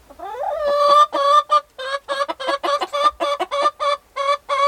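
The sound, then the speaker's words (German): A hen in a henhouse gives a short cackle, clucking in a quick run of about a dozen sharp, nasal bursts, clear, starting with a rising squawk and with no voices. “lässt ein kurzes Gackern hören.”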